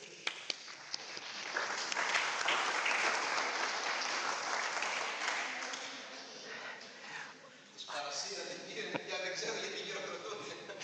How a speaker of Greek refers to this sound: το αξίζει ένα χειροκρότημα.